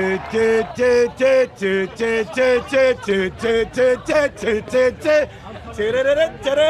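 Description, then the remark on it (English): Scottish soccer fans, the Tartan Army, in the U.S. for the World Cup, sing a short, repetitive chant together at a baseball game, loud rhythmic syllables rising and falling in a simple melody, repeated about a dozen times over a few seconds. “We love baseball, and we know the one song they've got. It goes like this.”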